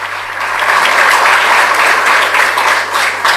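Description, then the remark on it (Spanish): A crowd breaks into loud, sustained applause for the director of the municipal band, many hands clapping in a dense, even wash of sound that holds steady for several seconds without anyone speaking over it. “Voy a pedir un fuerte aplauso para el director de la banda, a quien agradezco.”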